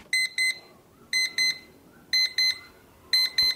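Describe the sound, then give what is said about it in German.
A Time-Timer kitchen timer alarm beeps in four evenly spaced pairs of short, bright electronic tones, each double-beep repeating about once a second over a faint background hiss. “Der Time-Timer! Stoppuhr wäre aber auch richtig.”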